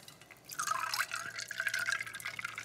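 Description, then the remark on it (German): After a brief quiet moment, soda streams into a cocktail glass over ice, lime juice and Korn for an NRW-Mule, with a steady splashing gurgle and bright fizzy hiss, a faint tone rising as the glass fills. No one speaks. “Gieße ich das Ganze mit unserem Soda auf.”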